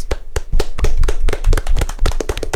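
A burst of applause, many hands clapping in a quick, uneven patter that stays fairly loud for a couple of seconds, with no one speaking.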